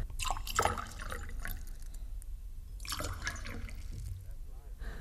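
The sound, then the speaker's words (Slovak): Liquid splashes and trickles in uneven bursts, like being poured from a jug into a vessel, over a low background rumble with faint voices. “A dajte mi doniesť krčach čerstvej vody. A pre pánov krčach dobrého vína.”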